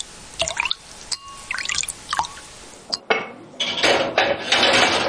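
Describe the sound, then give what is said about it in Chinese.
A few light clinks and drips against cookware, then a steady, splashing stream of stock poured into a pot of braised pork and pickled cabbage to be steamed for an hour, growing fuller and louder over the last two seconds. No one speaks. “再次倒入高汤，入锅蒸至一小时，把酸菜的酸香一点点地喂进卤肉”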